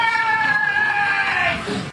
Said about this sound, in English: A woman's voice can be heard saying, "I tried to stop him," and then screams.